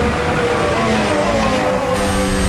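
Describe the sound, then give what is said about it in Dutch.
Loud onboard engine roar from Alonso's Formula 1 car at high revs, with battery deployment, a downshift, a short recharge and braking, a steady sustained whine with shifting harmonic tones and no voices. “Aanboordgeluid van Alonso.”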